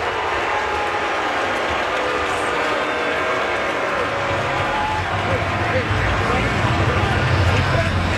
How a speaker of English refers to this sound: And listen to this crowd as Schultz walks off the mound.